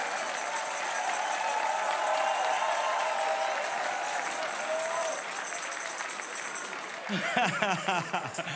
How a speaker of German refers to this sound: Einer geht noch, das ist ein Applaus.